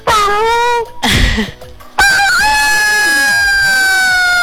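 A rooster crows loudly, a long, drawn-out harmonic call, preceded by a short burst of another crow and brief clucking noises.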